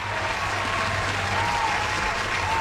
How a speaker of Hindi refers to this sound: क्या बात है यार, तालियां हो जाएं।